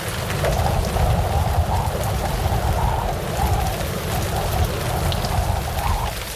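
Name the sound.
heavy rain falling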